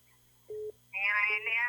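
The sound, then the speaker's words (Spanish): A brief electronic telephone tone sounds once as a call comes in to a call-in line, then a voice comes in over the line while the tone briefly returns underneath, all fairly quiet. “Adelante, vamos con llamadas, vámonos con ganadores, porque el teléfono no deja de sonar.”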